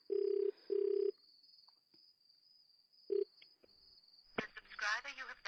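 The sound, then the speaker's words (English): A phone ringback tone sounds as two quick loud buzzing pulses, then pauses before a short third pulse, with a thin steady whine underneath and people starting to talk at the end. “It's ringing, Ma.”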